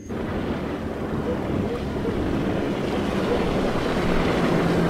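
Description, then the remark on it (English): The engine of a passing motorboat drones steadily across the water, a low continuous rumble holding an even level throughout, mixed with wind buffeting and a wash of surf. No voices. “I heard the engine stop. Wait, I hear it again. No, that's a different boat.”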